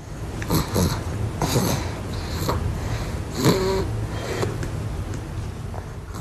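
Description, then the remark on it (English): A baby boy snores softly as he sleeps on his mother's chest, with a series of irregular snuffling, snorting breaths over a low steady background; one breath midway carries a brief squeaky, nasal tone. “If you're very quiet, you might be able to hear this sort of baby snoring here.”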